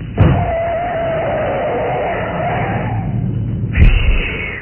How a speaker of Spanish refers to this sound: El pequeño auto Sport patinó sobre la cinta asfáltica levantando una cortina de agua. Giró sobre sus ejes dos veces y al fin...